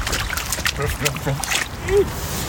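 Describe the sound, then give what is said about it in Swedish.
A child in blue rubber boots, out on a walk in Umeå with his father, stomps into a puddle, making a run of wet, sloshing splashes at an uneven pace, with faint voices murmuring underneath. “På väg ner i en vattenpöl.”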